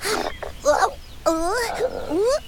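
A voice imitates the rumbling stomach of a hungry June bug: a few fairly loud gurgling groans with wavering, sliding pitch, separated by short pauses.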